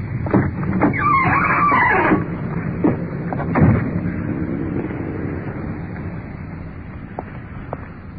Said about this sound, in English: The uniformed car is pulling up in front with a suspect.